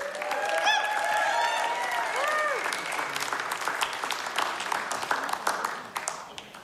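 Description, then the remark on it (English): An audience applauds a band at the end of its performance with dense, sustained clapping, mixed with a few whoops and cheers rising over the crowd early on, then the clapping thins into scattered claps as it fades toward the end. “Give it up one more time”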